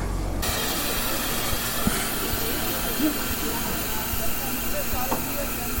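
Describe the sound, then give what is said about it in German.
An old steam locomotive, number 58 311, hisses loudly and steadily, a continuous rushing roar of escaping steam, with faint voices and a few small clanks underneath. “Eine lange Schlange von Leuten steht vor der Aufstiegsmöglichkeit zum Führerstand und zeugt davon, dass ein großes Interesse besteht, mal auf der alten Dampflok mitzufahren.”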